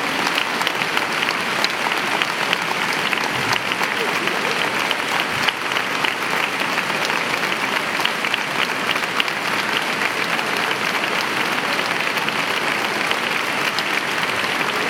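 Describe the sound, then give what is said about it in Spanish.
An audience applauds loudly and steadily for the whole stretch, a dense, unbroken wash of many hands clapping at once with no talking over it. “No sabéis cómo me suenan a mí estas palmas.”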